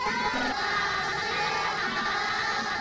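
A crowd of students applauds steadily to welcome the engineer who will lead them on a visit. A dense wash of clapping with excited children's voices shouting and cheering over it, loud and unbroken for about three seconds.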